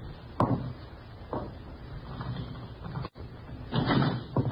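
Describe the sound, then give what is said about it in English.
A door is opened: a sharp click and a dull knock, then a brief pause before a louder rattling, scraping burst as it swings, with no voices present. “Open the door.”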